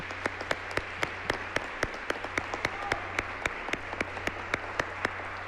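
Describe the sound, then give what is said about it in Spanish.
An audience claps steadily for the Leones Negros, with sharp individual claps standing out over a dense wash of applause and a low steady hum underneath, all at moderate volume. “Les pido, por favor, un aplauso para ellos.”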